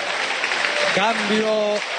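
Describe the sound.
A stadium crowd gives a standing ovation in a steady, dense roar of clapping and cheering as a player is substituted off during an Argentina national football team match, with a voice rising briefly over it in the middle.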